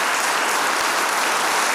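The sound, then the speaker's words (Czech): A crowd applauds steadily, a dense, even wash of many hands clapping at once with no voices standing out, sustained and fairly loud throughout, welcoming a guest at an evening event at a castle. “Jen si to vychutnejte, ten potlesk.”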